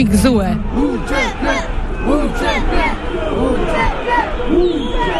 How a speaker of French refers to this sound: Entre drapeau albanais et kosovar, la foule crie son indignation.